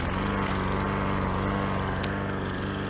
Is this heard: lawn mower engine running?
yes